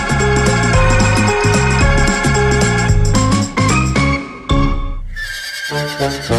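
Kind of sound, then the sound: animal, horse neighing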